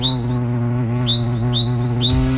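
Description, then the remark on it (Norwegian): Four bright, rising bird chirps repeat at an even pace, each a quick upward sweep, over a steady, dense humming drone of summer insects that fills the background throughout. “Kjente lyder der, din sommeren får mange, og disse insekter får sammen med fuglene være mitt selskap i ettermiddag.”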